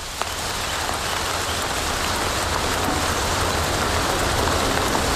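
Steady, heavy rain from a rainstorm pours down in a dense, even hiss with a low rumbling undertone, continuous and unchanging throughout, with no voices present.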